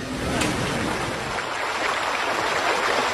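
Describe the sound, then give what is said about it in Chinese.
Steady, continuous rushing of the Dang Creek (Dangxi), the stream that divides Xiamei village at Wuyishan, flowing like a stream running over stones. The sound is even in loudness throughout, with no voices. “这条将夏梅村一分为二的小溪叫当溪，它原本只是一条自然形成的沟渠，水道十分狭窄，主要用于灌溉两岸的农田。”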